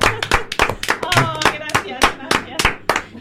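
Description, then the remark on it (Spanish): A single person claps steadily, about ten sharp hand claps at an even pace, with a brief voice sounding faintly underneath partway through. “Vas a salir al balcón a aplaudirte. Aplaudirte a ti misma.”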